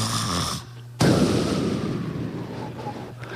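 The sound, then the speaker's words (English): A voice imitates a loud snore: a low nasal drone gives way to a sudden harsh, rattling snort that trails off over a couple of seconds, alone. “See, Bernard snores. He don't only snore”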